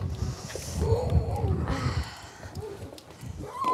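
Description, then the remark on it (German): Twelve seal pups call in a rearing pool at a seal station on the North Sea in gusty wind, giving several wavering, mid-pitched howling cries that overlap and rise and fall, with steady rushing noise underneath throughout. “hat mit 12 Heulern im Aufzuchtbecken jede Menge zu tun.”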